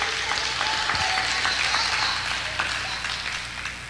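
A large crowd applauds steadily, a dense wash of many hands clapping at once for several seconds, with no voices standing out. The applause is given to the King of Kings during a Spanish-language sermon.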